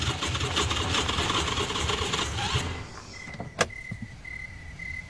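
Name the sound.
car engine sputtering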